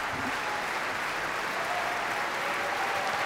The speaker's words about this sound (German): Großer Applaus also heute hier für Nabucco bei Staatsoper für alle. Sie hören es, was hier drin los ist.